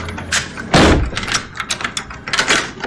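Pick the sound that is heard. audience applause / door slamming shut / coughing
door slamming shut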